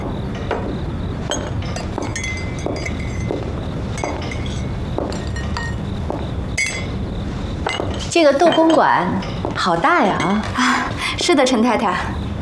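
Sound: tea being poured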